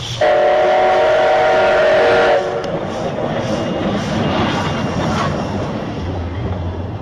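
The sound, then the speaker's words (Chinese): A steam locomotive lets out a loud, sustained whistle blast of about two seconds, followed by the steady chugging rumble of the train rolling along the track. “这是蒸汽火车汽笛和轨道的行进声音。”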